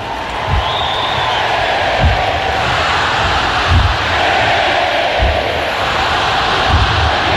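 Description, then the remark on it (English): A large, fired-up stadium crowd at a Saturday-night college football game in South Carolina roars and cheers continuously, loud, with heavy low thumps landing at a steady beat about every second and a half underneath. “And he looks perfectly at home getting this crowd fired up.”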